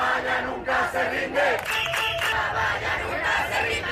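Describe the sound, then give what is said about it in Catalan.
A large crowd of more than a thousand Ceuta residents, Spain, chants in unison while protesting the migration crisis and blocking the border, many voices rising and falling in a steady rhythmic pattern with loud, shouted accents, continuous throughout with no single voice standing out. “Més d'un miler de persones s'han tornat a manifestar avui i fins i tot han bloquejat la frontera durant mitja hora.”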